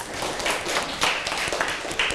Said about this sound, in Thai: โอ้โหเยี่ยมมากเลยค่ะปรบมือให้กับเพื่อนค่ะ